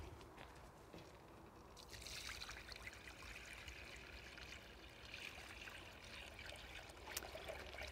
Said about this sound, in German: Ist eher eine Sumpf- und Uferpflanze. Dann geben wir Wasser hinzu.